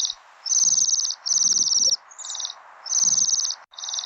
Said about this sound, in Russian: Ой, кто это? Это наши гости. Северные птицы, свиристели. Послушай, какая нежная у них песенка.